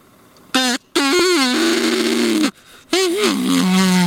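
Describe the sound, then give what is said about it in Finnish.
A reed duck call blown in three buzzy, honking blasts that sound like a bull moose call: a short toot, a long one that wavers then holds steady, and a last that wobbles and drops lower. “Toi kuulosti nyt kyllä niinku uros hirven kutsuhuudolta”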